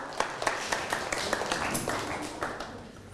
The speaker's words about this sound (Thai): โอเคนะครับอ่ะปรบมือให้กับเพื่อนหน่อยครับ